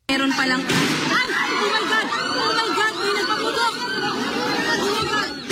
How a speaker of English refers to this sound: In the Philippines, that country's Senate was thrown into chaos after apparent gunshots erupted inside the chamber during a live session in Manila.